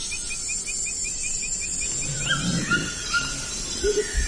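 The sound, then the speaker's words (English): A Cuvier's toucan gives a few yelping calls, rising over a steady shrill drone of insects and other faint birdsong in a tropical forest. “Oh, now we're hearing the call of a Cuvier's toucan.”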